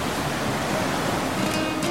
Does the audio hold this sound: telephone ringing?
no